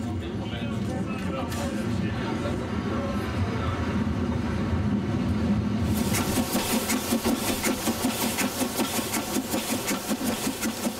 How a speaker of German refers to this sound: Mit der erlaubten Höchstgeschwindigkeit von 15 km pro Stunde schnauft die Dampflokomotive Niederzissen entgegen.